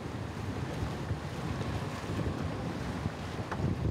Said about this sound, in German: Viel von diesem Muschelgeld stammt von den Duke of York-Inseln. Und auf die kommt man mit dem Motorboot.